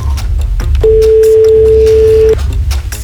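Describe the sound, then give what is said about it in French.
A single steady ringback tone from an outgoing phone call sounds for about a second and a half, clear and even, over a low background rumble with no one talking. “Moi, je m'inquiète toujours à trois sonneries.”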